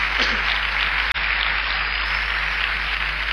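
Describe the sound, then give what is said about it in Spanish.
A crowd applauds steadily, a dense, continuous wash of clapping with no voices, briefly cutting out for an instant before carrying on at the same level. “Fuerte el aplauso.”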